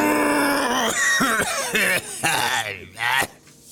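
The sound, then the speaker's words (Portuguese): A man loudly clears his throat in a drawn-out, exaggerated way: a series of voiced, gurgling rasps and grunts rising and falling in pitch, with no words spoken. “pigarreia”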